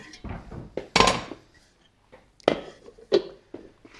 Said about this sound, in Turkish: Şöyle doğrama yapmayı sever misin? Ben sana göstereyim.